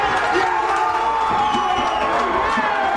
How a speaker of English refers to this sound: The Cape Verdean Association of Bridgeport erupted as the crowd realized their team would be moving on after its draw with Saudi Arabia.